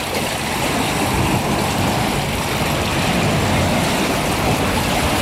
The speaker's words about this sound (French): Le clapotis de l'eau et une petite horde de goélands argentés qui virevoltent autour de moi.